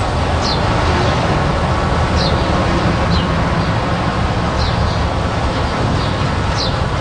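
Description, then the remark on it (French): Small birds of the Nipissing region sing outdoors near the West Nipissing regional cooperative, giving brief high chirps every second or two over a steady, loud rumble of passing traffic and wind-like noise. No one speaks. “Les petits oiseaux du Nipissing qu'on entend chanter tout près de la coopérative régionale de Nipissing Ouest.”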